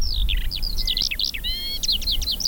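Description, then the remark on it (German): A Eurasian skylark sings a continuous, rapid stream of high chirps, trills and whistled notes over a fenced area of half-dry grassland with ground-nesting birds, clear over a low outdoor rumble, with no talking. “Also das ist die Feldlerche.”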